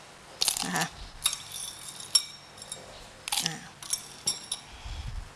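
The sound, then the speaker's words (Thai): Several ice cubes clink and clatter into a blender jar for a blended fruit drink, a handful of bright, irregular knocks spread over a few seconds, fairly crisp against a quiet background. “แล้วก็อาจจะใช้น้ำแข็งลงไปช่วยนิดนึงเพื่อให้เกิดความเย็นนะคะ”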